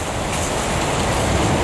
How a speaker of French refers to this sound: le torrent s'écoule.